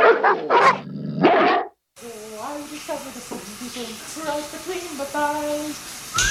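Several loud, overlapping dog barks in quick succession, followed by a short gap and then a person talking over a soft background hiss.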